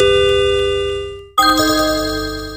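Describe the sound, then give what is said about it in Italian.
A WhatsApp new-message chime: two bright, bell-like electronic tones, the first ringing out and fading before a second, louder tone strikes and sustains. Clear, with no talking. “You have received a new WhatsApp message.”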